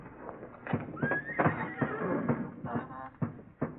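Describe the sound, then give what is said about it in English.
A horse, one of several old horses tied in their stalls, whinnies in a barn, a shrill rising squeal breaking out midway, surrounded by irregular hoof thumps and knocks on the boards. No one speaks. “Horses are quiet in their stalls.”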